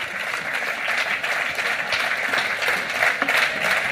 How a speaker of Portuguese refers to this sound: Un aplauso para o coro de Xunqueira, un de Pontevedra. Moi ben, chavales.